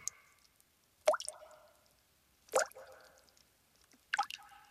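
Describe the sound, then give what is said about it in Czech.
A fisherman throws three small clods of earth into water one after another, spaced about a second and a half apart, each a wet splash with a brief watery ring, with quiet between them. “Po chvíli jeden rybář vstal a začal házet malé hroudičky do vody.”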